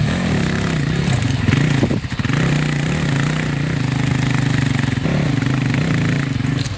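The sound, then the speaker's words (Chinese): A newly issued dirt bike motorcycle engine runs loud, its buzzing drone revving up and dropping briefly before settling back into a steady, throaty rumble. No one speaks. “聪明好学、勇于尝试新鲜事物的他，第一眼就喜欢上了刚配发的山地摩托车。”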